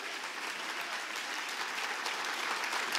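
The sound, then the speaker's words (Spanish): An audience breaks into sustained applause, a dense, steady wash of many hands clapping at once with no voices standing out, holding a fairly even loudness throughout. “Si crees que Dios habló, ese aplauso tiene que hacer tronar los cielos.”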